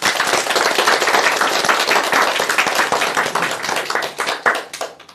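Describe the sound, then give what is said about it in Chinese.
A group applauds for their own progress, steady dense overlapping hand claps, then thinning into scattered claps before fading out near the end. No one speaks. “祝贺大家， 为自己的进步鼓鼓掌吧。”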